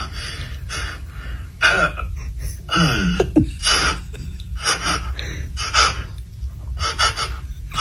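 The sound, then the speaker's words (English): A person imitates a horse with a string of breathy snorts and puffs and a short, wavering whinny-like squeal partway through, with no spoken words. “Just do like horse noises.”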